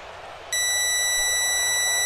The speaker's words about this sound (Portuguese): 8h45 da noite, marcando o quinto sinal Bandeirantes, hora de Brasília.